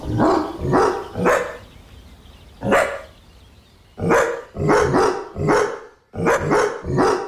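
A dog named Cooper barks repeatedly while out on a walk, about ten loud, sharp barks in quick clusters of two or three, separated by brief pauses. There is no talking.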